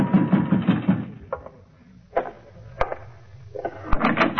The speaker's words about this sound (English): In my room, I was about to call Preen and ask him why when somebody began pounding on my door.